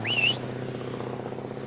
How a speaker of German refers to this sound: Unser Bus fährt da weg.